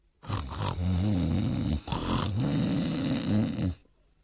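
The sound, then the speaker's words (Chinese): A voice imitates loud, rumbling snoring in two long drawn-out breaths with a brief pause between, forceful, with no other talking. “找着找着，忽然间就听见前面树林子里头有人打呼噜。”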